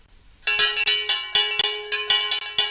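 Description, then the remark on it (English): A handbell rings out repeatedly to open an English farmers market, about nine bright clangs in a quick, uneven rhythm, its shimmering high overtones hanging on between strikes. No voices, just the loud ringing on its own. “The traditional way to open an English farmers market has always been the ringing of the bell.”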